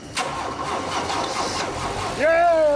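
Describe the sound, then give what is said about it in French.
A car engine, being started after three weeks of work on the car, cranks with a steady grinding whir for about two seconds, then catches and fires up into a loud, rising idle with a clear climbing engine tone. “Là, c'est le moment où on va savoir si tout ce travail a payé et si le moteur va démarrer.”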